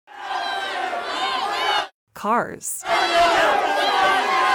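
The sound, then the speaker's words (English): A crowd yells loudly in a dense roar of many voices in an advertisement for yellcars.com, broken by a brief gap with a short rising and falling cry, then the mass yelling resumes. “Hey, what are you yelling at?”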